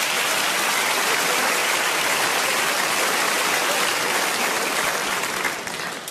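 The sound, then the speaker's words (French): Audience applause fills the whole stretch, a dense, steady wash of many hands clapping at constant loudness that tapers off slightly at the very end, with no voices over it. “Ouais, vous avez applaudi ça, ouais.”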